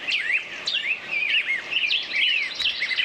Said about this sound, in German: Ja, die Frage ist nur, welche Vögel zwitschern da gerade? Um das Wissen aufzubessern, gibt es sogenannte Vogelstimmenwanderungen. Der Vogelgesang ist übrigens die friedlichste Art, fürs Überleben zu sorgen. Die müssen ja ihr Revier verteidigen.